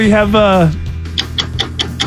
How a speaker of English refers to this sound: Stop that. That is the harshest sounding ticking clock ever.